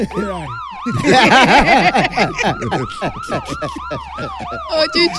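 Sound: ambulance siren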